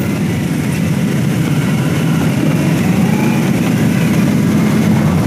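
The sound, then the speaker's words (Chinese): A steady, loud drone of ceremonial motorcycle escort engines, escorting ceremonial cars carrying July 1 Medal recipients to the Great Hall of the People around 9 a.m., holding a constant low roar throughout with no voices. “上午9时许，7.1勋章获得者集体乘坐礼宾车从驻地出发，由礼宾摩托车队护卫，前往人民大会堂。”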